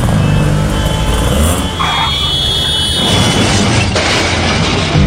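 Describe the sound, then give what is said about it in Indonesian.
A car roars as it runs a red light, its tires skidding with a high squeal before a heavy crash bursts out near the end, the loud wash of noise lingering after the impact. “Tuh kan, nerobos lampu merah sih.”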